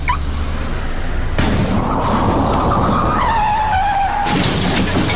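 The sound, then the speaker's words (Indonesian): Car tires skid loudly with a long, wavering screech that drops in pitch, followed by a sudden crash and a burst of broken glass and debris, as a car parked at the roadside is hit in a traffic accident. “Parkir sembarangan dapat mengganggu pengguna jalan lain dan bisa berakibat kecelakaan lalu lintas.”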